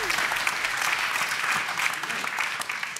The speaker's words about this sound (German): Wunder, dass geklatscht wird. Das war falsch. Ja, die Leute waren so erstaunt über dieses neu erworbene Wissen.